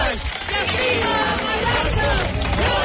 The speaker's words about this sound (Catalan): El so dels crits de les 10.000 persones que avui han participat en aquesta cadena humana en què diverses organitzacions ecologistes de Mallorca han fet com a rebuig a l'especulació immobiliària que està degradant, diuen, els espais naturals